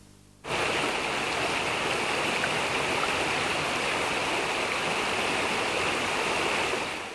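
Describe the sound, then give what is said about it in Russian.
Steady rain pours down in a dense, unbroken hiss that begins abruptly after a brief moment of quiet and holds at an even, fairly loud level throughout, with no voices. “Нарисованное солнце еще не знало, что дождь шел с утра до вечера, день за днем.”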